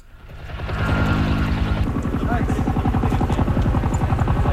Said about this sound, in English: In Greece, helicopters drop water on a blaze that broke out overnight and has grown rapidly.